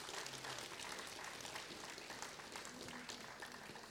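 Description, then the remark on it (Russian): An audience applauds the technical department of Radio Rancis steadily, a dense wash of many hands clapping at an even level throughout, with a faint murmur of voices underneath. “Давайте ему поаплодируем, пусть получит свою порцию аплодисментов.”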